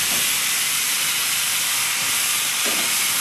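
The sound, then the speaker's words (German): A steam locomotive hisses steadily, a loud, unbroken rush of high-pitched steam noise lasting a few seconds, with faint low rumbles breaking through near the start and end. “Da lauert, liegt das langgestreckte Eisenbiest.”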